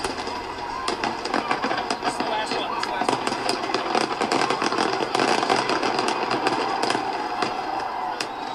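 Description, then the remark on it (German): Fourth of July Independence Day fireworks in the USA explode in a dense, continuous barrage, with countless sharp cracks and pops layered over a steady roaring hiss, staying loud and busy throughout. “Alle Jahre wieder krachen in den USA am 4. Juli die Feuerwerke.”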